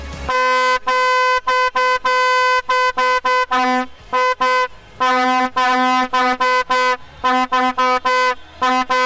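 A vuvuzela blares loudly and close by in a rapid string of buzzing, sustained blasts separated by brief breaks, with no voices alongside it.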